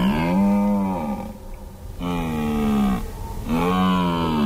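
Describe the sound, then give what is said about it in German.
A red deer stag's rutting call in the Alps, heard over the phone during an emergency call: three long, loud, throaty bellows in quick succession, each a drawn-out groaning roar that sags in pitch at the end, separated by brief pauses. “Es war ein Hirsch. Ein Hirsch, der so Brunftrufe macht.”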